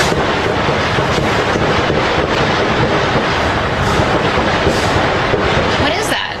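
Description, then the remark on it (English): A loud, dense barrage of rapid gunfire from Secret Service agents and a gunman, about 30 shots in total, shots blurring into a continuous crackling roar for several seconds, with muffled voices mixed underneath before it briefly tapers at the end. “And Dan, listen to the Secret Service make Swiss cheese out of this guy, right?”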